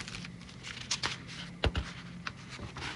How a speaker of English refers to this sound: Sorry for the ruffling of the paper. We've got, if I can find it.